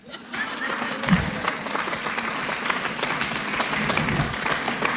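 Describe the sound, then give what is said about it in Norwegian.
Sustained audience applause fills the whole stretch, a dense, steady wash of many hands clapping at an even loudness, with scattered individual claps standing out and no speech over it. “Det är nu kan du klappa.”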